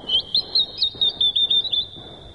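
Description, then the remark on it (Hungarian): A small bird sings a quick series of bright, high chirping notes in a steady, bouncy rhythm, clear, with no one talking over it. “Épp ide fog szállni ez a kismadár.”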